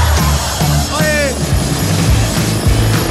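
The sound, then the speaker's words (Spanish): A helicopter arrives, its loud, steady rotor thump and engine drone filling the whole stretch, with a brief rising whine partway through. “te vamos a mandar hasta el helicóptero de los búfalos. Mira, de hecho, ya llegó, ya mira.”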